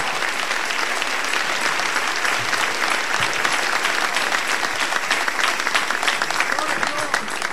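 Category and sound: crowd, audience applauding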